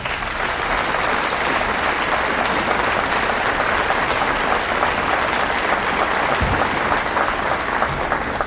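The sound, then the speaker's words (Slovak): A large audience claps steadily for the jubilee of Slovak radio broadcasting, a dense, sustained wash of applause that stays loud and even for about eight seconds, with no voices standing out. “A myslím si, že to je jubileum, ktoré si rozhodne zaslúži váš potlesk.”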